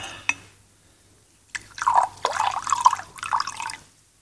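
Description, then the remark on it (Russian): A single soft click, a short pause, then a run of small liquid drips and wet plinks falling into a glass as a light drink is prepared, bright and irregular, with no voices. “Готовлю вам легкий напиток.”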